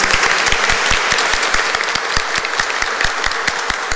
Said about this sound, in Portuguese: uma salva de palmas para os nossos vovós, né?